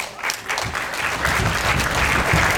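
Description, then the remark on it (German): Sustained audience applause for the film team, a dense wash of many hands clapping at a steady, fairly loud level that swells slightly toward the end, with no voices standing out. “Aber erstmal soll dem Filmteam ganz viel Applaus geschenkt werden.”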